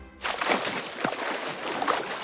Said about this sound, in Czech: Je, slyšíte to? To je voda! Co to je, tamhleto? Zajíček si jako první všiml velkého, tlustého, ve vodě s rochnícího zvířete.